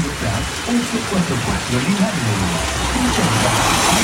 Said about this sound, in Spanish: Así está lloviendo en Cauquenes a esta hora. ¿Qué le parece?